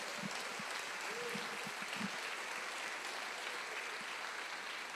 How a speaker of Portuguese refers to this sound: Ele nos libertou. Vamos dar um aplauso ao Senhor.